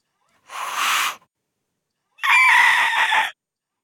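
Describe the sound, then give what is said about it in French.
Two harsh, raspy screeches, each about a second long, separated by a short silence. The second is louder and strained, like a voice imitating a raptor's cry. “Ah bah là, on dirait plutôt un raptor, hein.”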